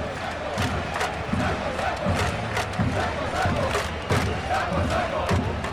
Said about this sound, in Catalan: I el públic, que com si fos un júnior, comença a aplaudir a saco.